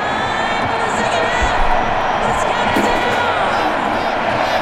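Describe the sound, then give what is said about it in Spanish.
A large stadium crowd at a football match roars and shouts continuously for the player Hendrick, a dense wall of cheering voices at steady high volume with no pauses, heard from within the stands. “Se escuchaba también hace un momento cómo los gritos eran para Hendrick.”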